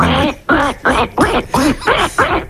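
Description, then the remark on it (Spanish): A person imitates a duck, giving a rapid run of about seven nasal, voiced quacks in a steady rhythm, loud, with no other talking. “Bueno, pues el hacemos el pato.”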